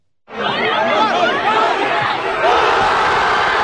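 A large crowd of Spanish football fans watching the World Cup final in a square in Madrid erupts in loud, sustained cheering and shouting at Ferran Torres's decisive 106th-minute goal against Argentina, a dense wall of many voices that starts abruptly and holds steady throughout.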